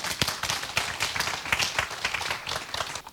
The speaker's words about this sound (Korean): 오늘 이 순간부터 뭐 미래에 대한 그건 걱정 안 한다. 오로지 나는 어때? 현재에 충실하겠다. 그런 사람만 박수 한번 쳐보세요.